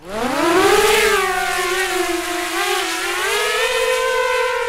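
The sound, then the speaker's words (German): A drone races over a hill in eastern Ukraine, about 20 kilometres from the front, with a loud, continuous buzzing whine that climbs in pitch during the first second, then holds steady with slight wavering, rich in layered harmonics and free of any talk. “Eine Drohne jagt über den Hügel.”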